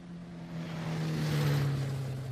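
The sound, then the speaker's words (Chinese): A car engine drones steadily outside a door as the vehicle drives past, a low continuous hum wrapped in broad road-like noise that swells slightly midway, with no voices. “过了一会儿，周北风听到门外有汽车声，于是便赶紧出了门，钻进汽车，直奔总部而去。”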